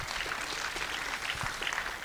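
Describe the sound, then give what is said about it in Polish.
An audience at a conference applauding steadily for about two seconds, a dense patter of many hands clapping at an even, moderate level with no talking over it. “Jakieś brawa dla Karoliny, bo widać, że nie jest lekko.”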